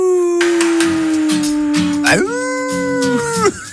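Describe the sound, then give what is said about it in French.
A person on the radio station Ici Vaucluse imitates a wolf howl on request: a long, loud, steady wavering tone that swoops upward near the end and then falls away, over a faint rhythmic beat in the background. “vous pouvez pas me faire le cri du loup? Aouh!”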